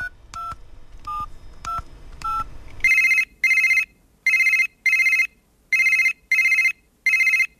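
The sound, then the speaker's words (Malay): A handful of quick telephone keypad beeps are dialed, followed by a steady run of paired ringing tones as a call to a business owner in Shah Alam rings through, clear, with no voices. “Ha, di hujung talian telefon sekarang ini, kita ada seorang pengusaha yang hebat”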